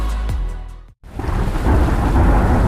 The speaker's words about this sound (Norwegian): Ja, der kommer regn igjen.